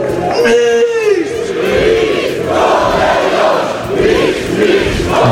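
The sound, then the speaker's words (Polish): A large crowd of Lech Poznań football fans cheers and chants at the club's championship and cup celebration, a loud, continuous roar with rising whoops and shouted voices blending together, sustained without pause. “Dzięki za wiarę! Dzięki za wsparcie! Ten puchar i to mistrzostwo jest dla was i dzięki wam tak samo!”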